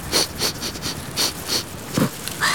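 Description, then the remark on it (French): A panda, snout to the ground, circles and sniffs in a series of about seven short, breathy snuffles, each a quick airy hiss with slightly uneven spacing, fairly soft and with no voices. “Museau au sol, le panda tourne en rond et renifle.”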